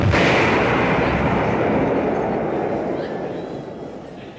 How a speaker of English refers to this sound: And explosions.